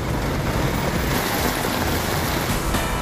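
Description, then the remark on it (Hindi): Heavy rain pours down in Rajouri, with water pooling on the roads, in a steady, dense, loud hiss that fills the whole scene, with no pauses or voices. “राजौरी में भारी बारिश, सड़कों पर जल जमाव।”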